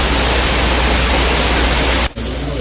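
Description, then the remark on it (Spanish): Steady rain pours in a loud, unbroken hiss for a couple of seconds, with one brief cut near the end before it resumes. No voices are heard. “La lluvia seguía sin parar y pudo arropar su voz.”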